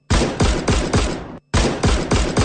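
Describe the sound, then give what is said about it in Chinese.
Two rapid bursts of gunfire, loud, each a quick string of about four or five sharp cracks, separated by a brief pause: an execution volley killing Tan Qiwen and his 11 comrades. No voices. “一串邪恶的枪声过后，谭启文和他的11名战友永远倒在了这片苦难深重的土地上。”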